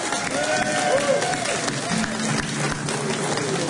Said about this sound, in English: Thank you very much. Another round of applause, everybody